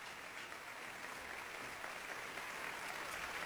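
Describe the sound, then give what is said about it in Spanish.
A concert audience in the concert hall of the Centro Cultural Tlacná applauds steadily after the Jalapa orchestra performs Carl Philipp Stamitz's Viola Concerto in D minor with soloist Andrei Katsarava. The dense clapping blends into an even, sustained wash with no voices rising above it. “El maestro Katsarava agradece los aplausos.”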